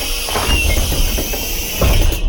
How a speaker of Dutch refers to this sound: Het openen van de deuren van de lijnbus waar ik nu in rijd. Oh ja, dat was een gaaf geluid, want dat heb ik jaren gehoord natuurlijk als ik naar school ging in die bus.